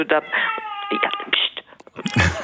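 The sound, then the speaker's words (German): A small child whines in drawn-out, wavering high-pitched moans, rising and falling over a couple of seconds, while its mother speaks softly alongside, hushing it as she talks about the opera. “Künftiges Publikum. Ja, genau, das ist pst. Ja. Mama redet jetzt über die Oper.”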